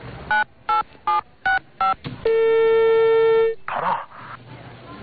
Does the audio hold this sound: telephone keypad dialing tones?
yes